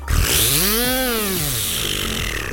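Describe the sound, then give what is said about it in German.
A voice imitates a buzzing spinning New Year's Eve firework (a 'Silvesterbiene') with the mouth: one loud, raspy, continuous whir whose pitch climbs, peaks, then slides back down over a couple of seconds, with no talking. “Ich kann mit meinem Mund eine Silvesterbiene nachmachen.”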